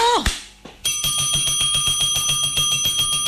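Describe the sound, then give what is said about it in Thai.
A loud bell, pressed and held down, rings continuously with a fast, buzzing trill of rapid repeated strikes during a gold price update as the price drops, sustained steadily after a brief vocal sound at the start. “กดกระดิ่งยาวๆเลยลูกค้า”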